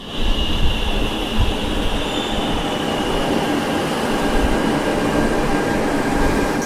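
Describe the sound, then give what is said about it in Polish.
A metro train rumbles along steadily with dense low-frequency roar and a faint high wheel squeal, sustained for the whole stretch, with no talking. “W tym mieście ludzie kochają się śmiać, rozmawiać ze sobą, jedzą na zewnątrz, przemieszczają się także metrem.”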